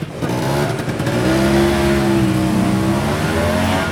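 A motor scooter engine drones loudly on a sidewalk near a beach, its buzzing pitch climbing briefly as it revs, then holding steady for several seconds with no voices.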